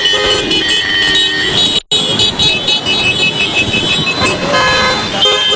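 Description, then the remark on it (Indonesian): A dense, noisy traffic jam with many car horns honking over and across each other, loud, with a steady roar of engines underneath and a brief dropout midway. “Bayang gak sih kalau tidak ada lampu lalu lintas bakal terjadi seperti ini, gaduh dan macet.”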